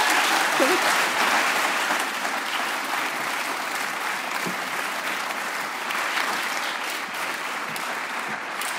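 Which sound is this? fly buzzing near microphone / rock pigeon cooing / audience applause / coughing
audience applause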